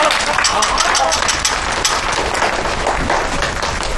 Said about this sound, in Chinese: 为达叔鼓掌！